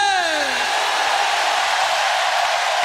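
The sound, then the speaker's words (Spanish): An audience shouts together that Christ lives, a dense, steady roar of many voices that holds loud for about three seconds, with one voice sliding downward in pitch at the very start. “¿Cuántos pueden gritar que Cristo vive?”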